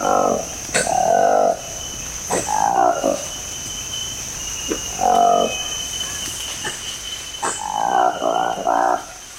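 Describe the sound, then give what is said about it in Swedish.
Calls of Colobus congoensis, a newly described monkey species with black fur, a long tail and light orange markings around the nose and mouth, in the Congo Basin rainforest: loud, rough, throaty croaking bursts in four groups, each a quick run of harsh pulses, over a steady high-pitched insect drone. “Så här låter en apa som har beskrivits som en ny art, Colobus congoensis.”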